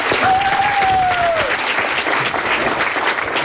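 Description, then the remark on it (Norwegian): An audience applauds the conductors of the choirs and school band, a dense sustained wash of clapping throughout, with a single high whistle gliding slightly downward over the first second and a half. “Vi gir dem en stor applaus, alle sammen.”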